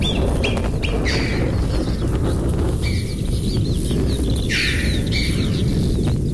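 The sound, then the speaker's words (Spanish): Alpine choughs and marmots calling in a run of short, high, chirping whistles, some rising and falling, in a large mountain canyon during a distant thunderstorm, over a constant low rumbling background. “Pero fíjate, Francino, que los bichos, las marmotas, las chovas siguen.”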